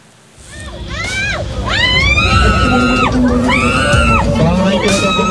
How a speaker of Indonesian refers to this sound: Suara jerit kesakitan seorang wanita penumpang kereta komuter karena tangannya terjepit pintu gerbong jadi viral di media sosial. Peristiwa ini terjadi pada Senin 5 Oktober pukul 7:30 pagi di peron 1 stasiun Juramangu.